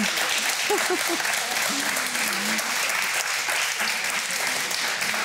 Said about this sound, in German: Da, Glückwunsch. Applaus hier für das Bingo. Wow, ja, herzlichen Glückwunsch. Klasse.